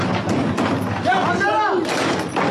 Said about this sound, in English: One advocacy group captured the moment a brawl erupted between the Israelis and some Palestinians. Chairs and bottles among the weapons of choice.